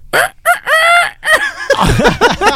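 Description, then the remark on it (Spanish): A person mimics a rooster's crow with a few loud, strained vocal bursts, followed by rising and falling warbling calls, energetic. “podría ser nada más con que le hagan un sonido como de gallo?”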